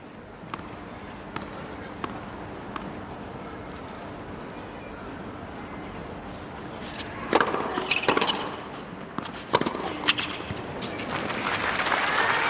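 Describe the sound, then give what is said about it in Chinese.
Applause at a tennis match after a well-played shot, with Naomi Osaka also clapping: a few sharp, isolated claps and hits give way to a dense burst of clapping, then a crowd's applause swelling steadily at the end. “然后自己的反拍衔接斜线，大阪直美也是鼓一鼓掌啊，这确实打得很漂亮。”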